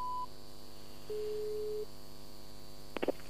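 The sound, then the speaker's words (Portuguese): A short high beep, then a steadier, lower phone busy tone lasting under a second over a faint electrical hum, ending with a few quick handset clicks, after a phone call is hung up. No one speaks. “Porquê é que desligaste o telefone ou caiu a chamada?”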